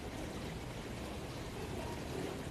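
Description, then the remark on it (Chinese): Constant-temperature purified drinking water streams steadily into a cup during an on-site demonstration, a continuous soft splashing rush that holds even for a couple of seconds, not loud, with no voices over it. “现场给他来接上一杯。”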